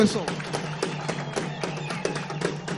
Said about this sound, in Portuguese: Quero pedir uma grande salva de palmas para ela.